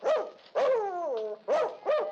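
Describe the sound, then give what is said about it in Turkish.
A dog barks four times, the second bark stretched into a long, falling yelp before two more short, sharp barks follow. No voices are heard. “Kafanı mı şişirdi bu köpek senin?”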